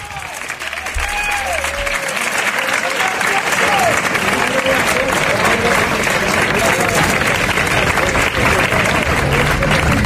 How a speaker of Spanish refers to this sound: Lo primero de todo, un abrazo enorme a la memoria y a la familia de Pepe Habichuela. Estas son las palmas a la entrada del féretro en la tarde de ayer.